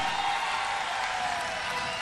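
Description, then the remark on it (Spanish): A crowd applauds a dancing couple representing the commune of Tomé, steadily with some cheering mixed in, a dense, continuous wash of clapping that holds at an even loudness throughout. “Más fuerte el aplauso, chiquillo.”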